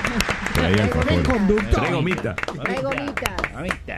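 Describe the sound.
Applause from an audience mixes with several excited voices talking and cheering over each other, with scattered sharp claps standing out as the noise stays fairly loud throughout.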